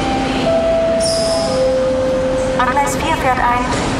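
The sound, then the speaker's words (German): A train rolls into track 4 of a station with a loud, steady rumble, its wheels giving off sustained high squeals, while voices chatter on the platform. “Gleis 4 fährt ein.”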